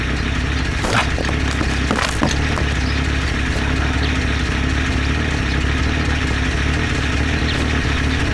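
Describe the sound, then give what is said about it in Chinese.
An armored car's engine runs steadily, a constant low rumble with a few brief sharp clanks and rattles early on, and no one speaking. “轮胎补好后，李忠实、王文学将装甲车开到指定地点埋伏。”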